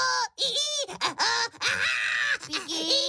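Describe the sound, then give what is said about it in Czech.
A voice imitates shrieking baking paper on a tray, with a series of high, wavering, loud squeals and wails in several bursts with short breaks over about three seconds. “S ječícím papírem. A papír vám krásně zaječí. Takhle.”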